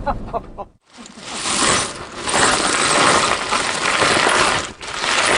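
Pieces of glass being sorted at home, clinking and clattering against each other in a dense, steady jumble of bright little taps, with a brief pause near the start and another short lull later.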